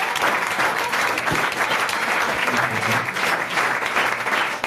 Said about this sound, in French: Une bonne réponse de notre invité. Déjà, on peut l'applaudir, sa dernière réponse.